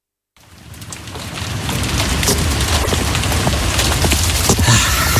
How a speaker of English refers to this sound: Rainy day.